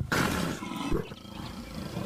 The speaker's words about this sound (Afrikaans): Die luiperd skrik wakker en grom hard.